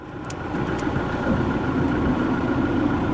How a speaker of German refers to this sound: Mit dem Auto fährt Father Blay zur nahegelegenen Küstenstraße.